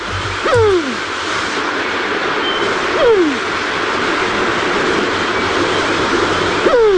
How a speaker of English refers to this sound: The New Zealand Pigeon. Kerere.